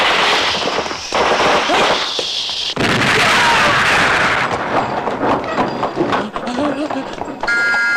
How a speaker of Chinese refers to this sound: 快，有爆炸了！快走！